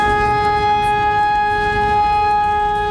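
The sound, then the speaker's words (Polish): Civil defense alarm sirens in Wrocław, Poland, tested during the nationwide exercise Alarm 2026, sound loudly and continuously, holding a steady, harmonically rich pitch without rising or falling, over a rumbling low background and with no voices. “W całym kraju testowane są syreny alarmowe, które mają ostrzegać mieszkańców przed zagrożeniem.”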